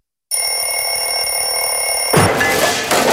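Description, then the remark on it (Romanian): A loud alarm clock bell rings continuously in a harsh, rapid metallic clatter, then gets muffled and rattles for its final second with no one speaking. “Ai meciuri cu ceasul deșteptător?”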